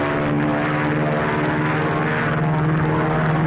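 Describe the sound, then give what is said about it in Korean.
An enemy propeller plane drones steadily overhead above a valley lit by flares, firing rockets at a column of vehicles; a loud, continuous engine hum with a rough, pulsing tone that holds throughout without fading. “비행기에서 불줄기가 쏟아져 내렸다.”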